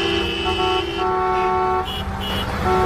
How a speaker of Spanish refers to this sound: Muchos pitaban al ver el convoy de la Guardia Civil y la UME que nos ha llevado a algunos periodistas a la zona de Pelayos de la Presa y al pantano de San Juan.